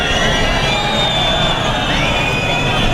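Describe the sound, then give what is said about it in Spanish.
A large crowd boos loudly and continuously at the Interior Minister, Fernando Grande Marlaska, at his first event with the Guardia Civil. It is a dense, sustained roar of jeering voices with no pauses throughout. “Pues son los abucheos al ministro del Interior, a Fernando Grande Marlaska, en su primer acto con la Guardia Civil después de la muerte el pasado fin de semana de dos agentes que luchaban contra el narcotráfico en Huelva”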